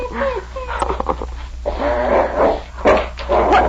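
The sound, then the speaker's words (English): A dog, King, growls and snarls in a few rough, sustained bursts, its throaty rumbling rising and falling loudly over a steady low hum, with no talking. “Hang on to that dog.”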